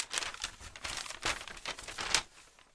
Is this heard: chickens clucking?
no